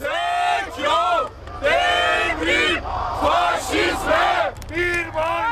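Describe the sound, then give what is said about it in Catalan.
A large May Day protest crowd in Taksim Square, Istanbul, Turkey, chants in loud, rhythmic bursts of massed voices, phrases rising and falling in unison with brief dips between them, a steady roar of people underneath. “La policia ha detingut prop de 600 persones que intentaven manifestar-se per l'1 de maig a la icònica plaça Taksim.”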